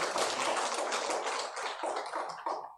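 A crowd applauds steadily for nearly three seconds at a gathering in a Won Buddhist temple hall, welcoming back a returning member. It is a dense, even patter of many hands clapping, thinning slightly toward the end. No voices are heard over it.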